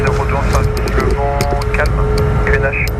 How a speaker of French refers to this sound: Donc on va décoller, L'avion est extrêmement silencieux, pas comme ce jet qui décolle devant nous.